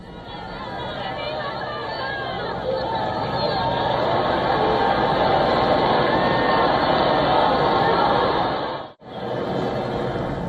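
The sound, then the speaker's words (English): A large crowd cheers and shouts in the crowded streets around Plaza Cibeles in Madrid as Pope Leo XIV arrives in his Popemobile, people waving flags, throwing flower petals and shouting "Long live the Pope!", a dense, continuous roar of many voices that swells after a few seconds and cuts out briefly near the end. “People cheer as the Pope arrives in his Pope Mobile, waving flags, throwing flower petals and shouting, "Long live the Pope!"”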